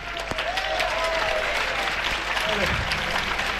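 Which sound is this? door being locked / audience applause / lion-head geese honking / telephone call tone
audience applause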